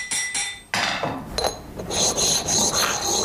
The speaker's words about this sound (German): man kann den dann wieder befeilen, polieren oder mattieren